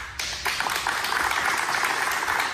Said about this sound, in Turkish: Halk TV çalışanları kararı stüdyoda alkışlarla protesto etti.